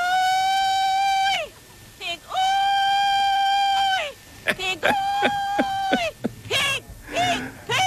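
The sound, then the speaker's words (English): Pig calling contest calls from the 1940s: a human voice holds two long, loud, steady high-pitched hollers, then breaks into a rapid string of short rising whoops and yelps with sharp pitch swoops. “I also found pig calling contest. This is from the 1940s.”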